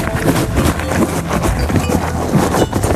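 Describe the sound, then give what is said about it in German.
A horse chews crunchy feed, a loud, continuous grinding crunch with steady rhythmic bites and no voices. “Didi bekommt von mir 5 Sachen zu fressen und du musst anhand des Geräusches erkennen, was es ist”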